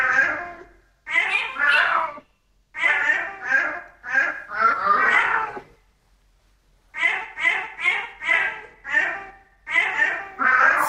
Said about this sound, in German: hat für mich wunderbar … von … gemaunzt